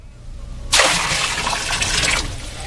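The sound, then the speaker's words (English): A sudden, heavy splash of water poured from barrels over a bullock and pieces of wood on an altar, gushing out in one continuous pour for about a second and a half, loud, then cutting off abruptly. “I have had water brought forth in barrels, which shall now be poured over the bullock and the wood.”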